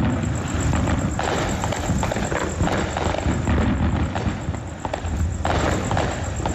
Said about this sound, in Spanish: O sea, fuegos artificiales a todo trapo. Les encantan. Sí, les encantan para celebrar el 4 de julio, es lo más típico. Todo el mundo sale, compra sus fuegos artificiales y los tiran desde casa.